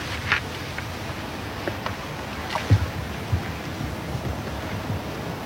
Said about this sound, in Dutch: Ik hoor vooral stromend water op het moment. Ja, en zacht getik. Ik denk wel dat er een beetje leven in zit, ja.